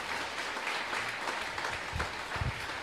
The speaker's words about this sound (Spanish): Y lo recibimos con aplauso contento para Cristo Jesús.